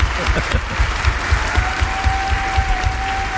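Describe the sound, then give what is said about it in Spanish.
An audience applauds steadily for Sergio del Molino as he signs off from the radio show Radioficción, a dense wash of many hands clapping at a constant level throughout, with a faint sustained tone creeping in partway through. “Un aplauso para Sergio del Molino, que se despide de Radioficción.”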